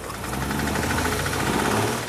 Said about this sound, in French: nous sommes prêts à essayer de la démarrer. Je m'en occupe. Attends. Tu te pointes juste pour démarrer la voiture?